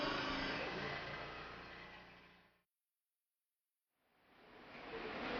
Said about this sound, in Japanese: 小塩トロッコ車両が今欅平駅に到着しました。キャニオンルートの終点までやってきました。